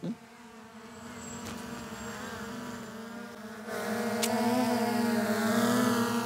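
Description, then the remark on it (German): Several small model airplane engines buzz steadily and loudly over Wolfratshausen, a high droning whine with shifting pitch that grows louder midway as the engines pass overhead. “Schau, Luftschlacht über Wolfratshausen! Vorsicht! Land es einmal!”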